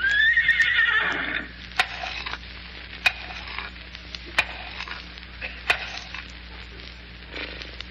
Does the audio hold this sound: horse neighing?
yes